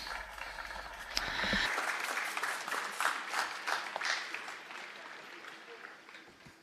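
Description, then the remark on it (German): A crowd applauds steadily to greet Pater Bojan, many hands clapping in a dense, even patter that swells early on and then slowly tapers off toward the end. “Und ihr grüßt Pater Bojan mit einem Applaus.”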